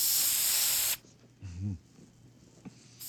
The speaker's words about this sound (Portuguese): Medine pra garganta? É, põe na tua garganta aí, ó. Espirra. Abre a boquinha. Vão-se os vírus, ficam-se as tosses.